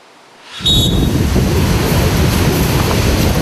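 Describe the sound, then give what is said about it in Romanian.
Loud, continuous roar of rough sea surf at a tourist beach flying the red flag, swelling in after a quiet half-second, a dense rumbling wash of breaking waves with no voices, steady throughout. “Pericolul scăldatului în mare agitată nu-i sperie pe turiști.”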